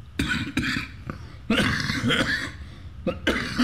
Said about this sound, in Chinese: 受访时，常常说没几句话就不断的咳嗽。